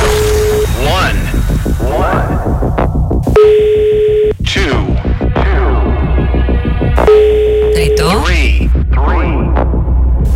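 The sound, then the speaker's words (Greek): A phone line rings repeatedly with steady, evenly spaced tone bursts and no one picks up, during a radio contest call for the game 'Το χρηματοκιβώτιο' (The Safe), while music plays underneath. “Γιατί δεν το σηκώνετε, γιατί δηλώνετε συμμετοχή, στέλνετε το μήνυμα και την ώρα που πρέπει να σηκώσετε το τηλέφωνο δεν το σηκώνετε.”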